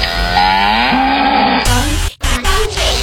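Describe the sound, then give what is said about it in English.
A loud cow moo with a long drawn-out rising and falling tone, followed by a short second lowing call after a brief pause. “like a cow.”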